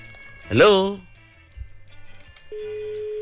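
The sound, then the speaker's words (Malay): A brief loud vocal exclamation, then quiet murmuring, before a steady electronic telephone tone of a listener's incoming call begins and holds, a clear continuous beep for the last moment. “Alamak, siapa telefon tu? Okey, ada panggil.”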